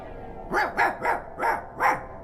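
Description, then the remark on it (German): A guard dog, a German Shepherd, barks five times in a steady rhythm, each bark sharp and moderately loud, with no voices present. “Mit Wächter und neuerdings sogar Hunden.”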